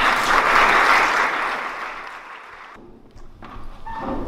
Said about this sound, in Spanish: y damos la bienvenida con un aplauso a los ponentes que nos estarán con nosotros.